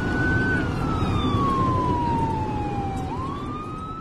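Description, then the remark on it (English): A fire truck siren wails loudly and steadily, sliding slowly downward before sweeping back up, over a heavy rumble of engine and road noise, as the fire truck comes up from behind during a fire. “Here comes a fire truck behind us.”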